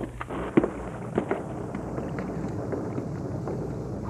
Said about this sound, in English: Hey, you're right. The thunder's getting fainter and fainter. Good. I don't like storms. Any kind of storms.